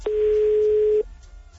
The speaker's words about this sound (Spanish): Buzón de voz. La llamada se cobrará al terminar los tonos.